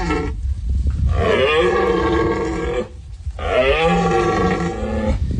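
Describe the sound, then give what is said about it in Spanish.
Two long, loud roaring bellows from a red deer stag in the final phase of the rut in the Sierra de los Filabres, Almería, Spain, each a deep, harsh, groaning call lasting a couple of seconds, separated by a brief pause, heard alone. “Es el sonido de la berrea del ciervo que está ya en su fase final en la Sierra de los Filabres.”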